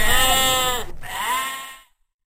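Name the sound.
sheep bleating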